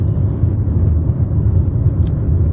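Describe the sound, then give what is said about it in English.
A steady, loud low rumble of engine and road noise fills the inside of a moving car, unbroken throughout, with a brief faint click near the end and no one talking. “We might be the first podcast from a car on the interwebs.”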